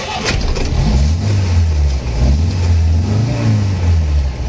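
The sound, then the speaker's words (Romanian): A vehicle engine sputters and struggles, its low rumble loud, dipping and surging unevenly as if about to stall. No voices. “Dacă mi s-a oprit motorul, toată lumea jos și împinge.”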